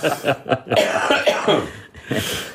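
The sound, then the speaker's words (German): A person coughs and clears their throat several times in close succession, loudly, with short rough bursts followed by a longer rasping clearing and one final cough. “Ich habe keine Räuspertaste.”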